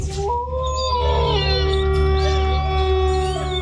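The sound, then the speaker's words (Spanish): A long, sustained wolf howl rises and wavers over steady music, loud, with bright chirping tones layered on top like a produced radio sting. “Lobo 97.7. Poniéndole sabor a tu día desde el primer aullido.”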